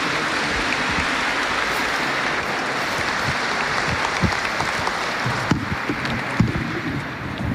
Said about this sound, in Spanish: Los invito a recibir con un fuerte aplauso